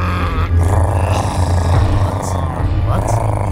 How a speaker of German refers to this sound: Inzwischen wird der Hunger zu einem Problem, das sich nicht mehr ignorieren lässt. Immerhin knurren die Mägen so, dass man Mühe hat, sein eigenes Wort zu verstehen.